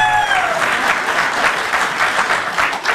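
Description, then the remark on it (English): Steady applause from a group fills the whole stretch, a dense, even patter of many hands clapping at once, fairly loud, with a brief high whistling tone at the very start. “You applaud her.”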